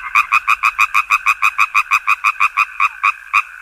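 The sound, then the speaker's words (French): A frog croaks in a fast, steady series of about eighteen loud, evenly spaced pulses, clear with no other sounds around it. “Les exceptions symboliques de la grenouille sont nombreuses.”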